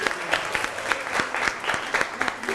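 A class of students claps in steady, dense applause for a couple of seconds for a student who answered the teacher's question correctly, many hands overlapping into a bright, crackling wash with small rhythmic peaks, and no voices above it.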